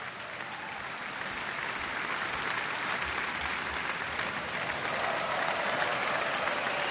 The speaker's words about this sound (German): Und dafür gibt es jetzt nochmal viel Applaus hier in Kiel.